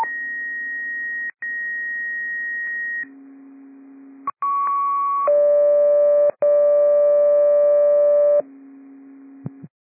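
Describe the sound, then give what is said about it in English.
A sequence of loud, steady electronic radio dispatch cancellation tones for a Delta sick-person call at Flats Road and LeConnor Whitney Road, each pitch held for a second or two before abruptly switching to the next, ending with a brief click. “Med 12, 8, 13, 19, Battalion 13, this will be cancellation tones for a Delta sick person at Flats Road and LeConnor Whitney Road.”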